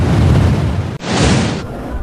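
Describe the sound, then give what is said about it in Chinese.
A single sharp starting-pistol crack at the start of a 3000-metre steeplechase final in Nanning cuts through steady stadium crowd noise, followed by a brief bright, hissing burst before the crowd roar settles back in. “比赛准备开始了，我们通过漫漫的3000米的障碍赛，枪声响了”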